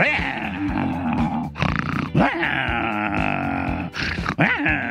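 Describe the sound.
A person's voice imitates an angry female dog being poked with a small stick, producing a continuous, loud, raspy growl with rough snarling bursts and brief breaks.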